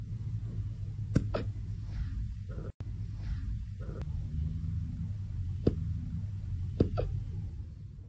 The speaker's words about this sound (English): These might be the most precious little hiccups ever.